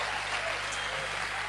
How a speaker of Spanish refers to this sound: Fuerte el aplauso al Rey. Amén.